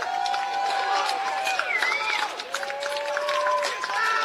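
A large baseball crowd jeers the umpire, a loud, steady roar of voices threaded with shrill, sliding whistles that rise and fall throughout, with no single voice standing out.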